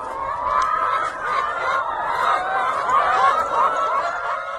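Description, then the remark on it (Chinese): A flock of free-range egg-laying hens clucking and chattering continuously at Beiyi Ranch in Longtan, Taoyuan, many overlapping birds forming a steady, busy din with occasional louder squawks, and no people talking. “而在北一牧场当中所产出的快乐角神器蛋，它就是运用放牧式来养殖母鸡，让这些生蛋的母鸡呢生活得更加自由自在。”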